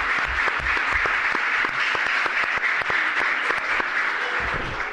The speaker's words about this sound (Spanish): Una Peña Flamenca completamente llena de gente porque han venido a vernos el alumnado del CEIP, San Agustín, que voy a pedir un aplauso para empezar, para que toda la gente que nos oye sepa que está esto completamente lleno.